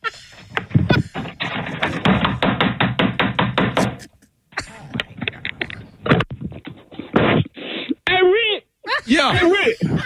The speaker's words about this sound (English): He outside banging on the door trying to get in.